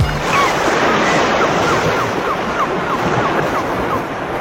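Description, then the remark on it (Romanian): Steady roar of sea surf washing onto a beach at Eforie Nord, broad and continuous with wind noise buffeting the microphone, no voices heard. “Atunci pot să mă duc și eu în mare, că vii după mine, da?”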